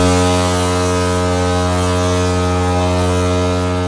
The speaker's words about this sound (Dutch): Hij wilde dat beest verjagen en gebruikte daarvoor op zijn schip de misthoorn. Dat moet ongeveer zo geklonken hebben.